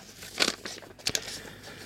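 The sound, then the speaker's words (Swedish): Paper rustles and crinkles as two letters are drawn out of a single envelope, with two brief, crisp bursts of handling noise over a quiet background and no talking. “Ja, det är faktiskt två brev i det kuvertet.”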